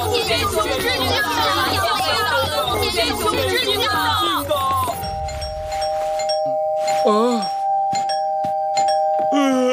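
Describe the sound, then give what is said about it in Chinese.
A babble of many voices chattering fills the first half, then an electronic doorbell, rung at 5 o'clock, sounds with a long, steady two-tone hum, accompanied by scattered clicks and brief vocal sounds. “现在才5点，这个时候跑来按门铃。”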